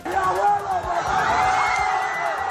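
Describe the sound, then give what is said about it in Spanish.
A dense crowd of Elche football fans roars and cheers continuously in the streets of Elche, Spain, celebrating the final whistle of Elche's match at Girona. Overlapping shouts and whoops form a loud, sustained wall of celebratory noise, voices rising and falling throughout. “Mientras tanto, la afición ilicitana, que no pudo desplazarse a Montilivi, a Girona, lo vivió con intensidad por las calles de Elche hasta que escucharon ese ansiado pitido final.”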